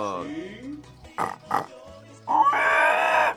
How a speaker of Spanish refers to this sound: Es el chanchito, tío, chanchito. Pepa, el chancho.